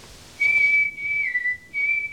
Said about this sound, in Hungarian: Fütyült a fickó.